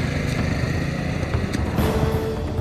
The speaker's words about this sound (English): Binney got on his moped and fled through the fields.